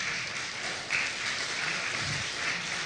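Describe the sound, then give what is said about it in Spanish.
A church audience applauds steadily, a dense wash of many hands clapping at once that swells slightly in the middle and carries on without pause, with no voices standing out. “Dile que está a tu lado, dale fuerte aplauso, amén.”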